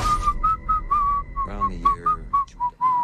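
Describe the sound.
Someone whistles a jaunty melody live into the microphone, introducing the film Kill Bill: The Whole Bloody Affair, a steady run of about a dozen clear, bright notes with short gaps between them, over a faint low background hum.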